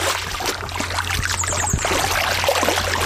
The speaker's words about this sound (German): ich höre das doch schon wieder plätschern. Bist du immer noch im Wasser?